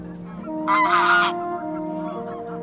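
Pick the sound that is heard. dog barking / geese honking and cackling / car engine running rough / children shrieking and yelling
geese honking and cackling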